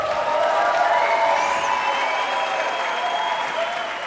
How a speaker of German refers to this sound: Ja, den Beifall wollen wir natürlich gönnen. Das war live aus der Yellow Lounge in Berlin.